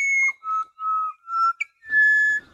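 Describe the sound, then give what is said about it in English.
A pied butcherbird, a black-and-white bird about the size of a jay, sings its dawn song in Australia: a series of clear, flute-like whistled notes, several steady mid-pitched tones with a brief chirp, ending on a long, slightly higher sustained note. “Now we're hearing another of the beautiful dawn voices of Australia. The pied butcher bird.”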